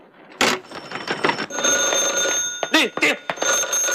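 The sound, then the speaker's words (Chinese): A telephone bell rings continuously with a high, steady metallic tone, mixed with sharp bumps, thuds and brief raised voices that cut in and out over the ringing. “定，接电话。”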